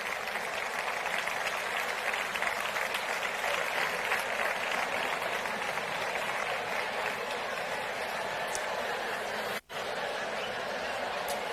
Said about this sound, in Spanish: pedimos un fuerte aplauso para ella, por favor.